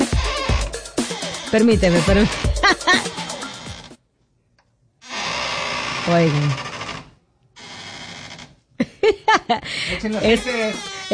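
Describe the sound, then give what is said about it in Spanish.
The door entry alarm of a radio studio booth at La Mega station signals that someone has entered. It sounds in two steady electronic bursts, the first longer than the second, after a short silence. People talk before and after it. “Esa es la señal que tenemos de cuando alguien entra en cabina. La puerta avisa, tiene su alarma especial.”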